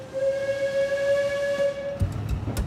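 A diesel locomotive at the front of a train on the Alishan Railway, pulling it uphill on the upper track, sounds one long, steady, high horn blast lasting nearly two seconds over a continuous low rumble, followed by a few sharp metallic clanks.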